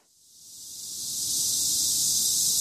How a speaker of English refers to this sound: A deafening crescendo of cicadas cuts through the midday heat.